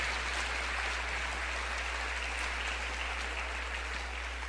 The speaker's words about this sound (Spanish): Palabra del Señor. Dele un aplauso a la palabra del Señor nuestro Dios.